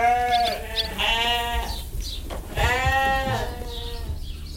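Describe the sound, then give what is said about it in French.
Several ewes bleat on a farm, overlapping wavering cries in quick succession with a brief pause between bursts, loud and clear with no talking. “Alors, c'est vrai qu'ici, sur la ferme, vivent les brebis, les vaches, mais il vit aussi beaucoup d'autres animaux.”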